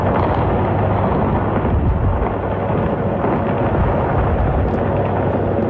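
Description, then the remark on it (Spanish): Bombs exploding in the Strait of Hormuz in a continuous, heavy roar of deep rumbling booms that overlap without pause, loud and dense throughout, with no voices. “Este es el sonido en el estrecho de Hormuz, el lugar por el que cruza una cuarta parte del petróleo mundial y en el que vuelven a sonar las bombas.”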